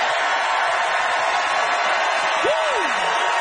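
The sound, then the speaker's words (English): A crowd applauds and cheers in a steady, dense wash of clapping, voting by applause on an argument about the quality of life in Toronto. A single whoop rises and falls over it near the end. “All right, audience, it is up to you to decide by applause how many of you agreed with Adam that the quality of life in Toronto, CN towers above the rest, Adam Christie.”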